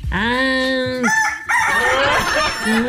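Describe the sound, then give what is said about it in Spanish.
A rooster crows loudly, one long strained cock-a-doodle-doo with a rising held note that breaks into a ragged, harsher ending. “Bueno, si te trata de eso, entonces voy a tener que colar a mi gallo porque estaba tan mala mi gallina.”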